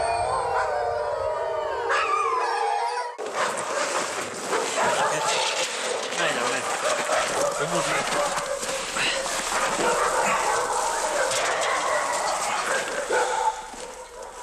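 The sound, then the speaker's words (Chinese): Wolf cubs, caught by herders at the start of winter, whimper and howl, starting with thin, high-pitched wavering cries before a burst of louder, overlapping yelps and howls that continue steadily over a noisy background. “包括这几只小狼在内，绝大部分是刚刚入冬就被牧民抓住的，其中有的甚至已经落下了残疾。”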